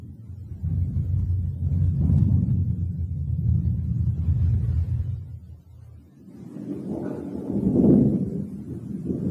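Deep, steady roar of wind from an approaching evening thunderstorm, with lightning flashes, and a low rumbling undertone, swelling in two heavy surges, easing briefly in between, then building again.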